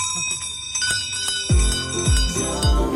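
A town crier's hand bell rings on the Radio Oost programme De 5 voor 6 with a bright, sustained metallic tone, struck repeatedly in quick swings so the shimmering peals overlap, with a few heavier clangs toward the end.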